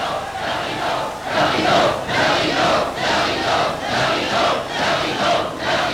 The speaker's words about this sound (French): Quel désastre, écoutez-les, mon public, mon cher public.